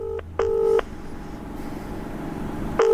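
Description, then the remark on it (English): A phone ringback tone from an outgoing call, heard over a speakerphone, sounding in short paired bursts with a long pause between them, fairly clear against a faint background hiss. “It's still ringing.”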